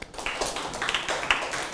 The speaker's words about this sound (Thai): ปรบมือให้เพื่อนครับ